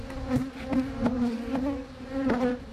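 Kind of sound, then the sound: insect, bees buzzing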